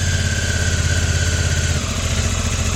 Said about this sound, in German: Der Kater fährt jetzt echt mit dem Motorrad? Das glaube ich nicht, gur, gur.